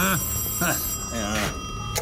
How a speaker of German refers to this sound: Was soll ich hören? Das Telefon. Hä? Hören Sie es nicht? Was hören? Das Läuten der Telefonklingel.